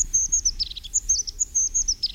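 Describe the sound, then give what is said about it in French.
A crested tit, a tiny bird with a pointed crest on its head, gives rapid, high-pitched trilling calls in quick repeated bursts, clear over a low steady background rumble with no voices. “Alors la mésange huppée est toute petite et elle a une particularité, cette espèce de bonnet pointu qu'elle a sur la tête, on dirait un chapeau de clown vraiment.”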